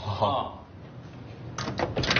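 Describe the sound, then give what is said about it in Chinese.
A door shuts, followed by a few sharp metallic clicks as the lock is turned, which starts a timer, with a brief murmur of voice just before. “好， 你先进去。对，关门。关门。 完了，锁上呗。”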